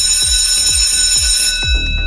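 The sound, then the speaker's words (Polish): An electric school bell rings in schools on 1 September, after a break of more than two months, with a loud, brassy metallic clang, its rapid striking forming a harsh, sustained tone with a steady throb of low thumps about twice per second beneath it. “Mamy 1 września, po ponad dwumiesięcznej przerwie ten dźwięk znów zabrzmiał w szkołach.”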